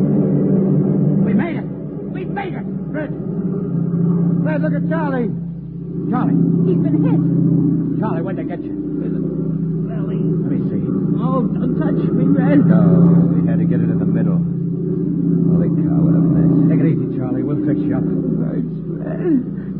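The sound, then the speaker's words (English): Heavy car engines rumble and roar steadily as three police squad cars draw near, with scattered sharp clatters and indistinct voices mixed into the din. “Three squad cars. Here they come.”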